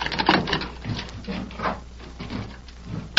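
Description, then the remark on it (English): Knocking on the wooden door of a home in a town: a handful of dull, muffled raps landing at an uneven pace, with no voices over them. “Finally, he found it and knocked on the door.”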